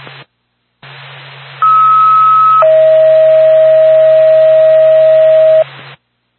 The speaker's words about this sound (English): NORPAC, Whitefield Ambulance, stand by for a tone.